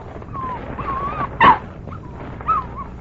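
A dog named Pancho whimpers and whines while waiting for its meat to be unwrapped, in thin, high, wavering tones, with one sharper yip in the middle and another short whine near the end, fairly quiet.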